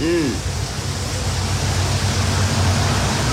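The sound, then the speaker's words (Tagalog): Heavy rain and rushing floodwater on a flooded road make a loud, steady roar that fills the whole stretch without letting up, with a brief faint voice near the start. “Manik sitwasyon dire, basta kayo kusoga yung uwan.”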